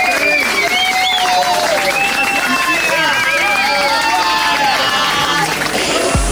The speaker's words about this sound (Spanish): ¡Aplauso fuerte